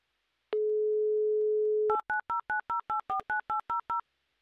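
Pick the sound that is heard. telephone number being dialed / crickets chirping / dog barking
telephone number being dialed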